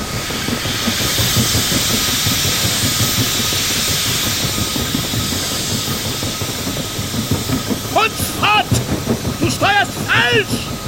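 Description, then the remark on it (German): A steamship engine hisses steadily in fog on the ocean, with a broad rush of steam over low, rhythmic chugging, and near the end a series of short, rising wheezing squeals breaks through. “In diesem Schweigen hatte das Röcheln des Dampfers etwas Beunruhigendes und Klagendes.”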